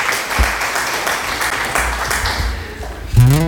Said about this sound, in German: Für den Applaus.